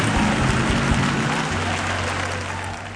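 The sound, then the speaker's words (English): A crowd claps steadily, a dense, crackling wash of many hands that fades slightly toward the end, with a low sustained organ-like tone humming beneath. “Come on, clap your hands and let's bless God.”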